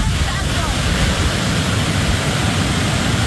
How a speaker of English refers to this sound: Footage shows fast-moving floodwaters surging through communities, carrying mud and debris into their paths.